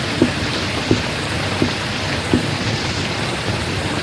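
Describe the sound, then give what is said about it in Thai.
Steady rain hisses continuously and evenly, with four soft, evenly spaced knocks or drips cutting through the downpour. No voices are heard. “ไม่มีฝนประเทศไหนตกแล้วไม่หยุดนะในโลกนี้มีฝนตกแล้วก็หยุด”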